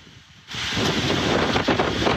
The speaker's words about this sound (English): Saturday overnight, heavy winds from Hurricane Lala whipped across much of Hawaii, sending water gushing out of Rainbow Falls and Hilo, captured in this footage, battering parts of Hawaii's Big Island, Oahu, and Maui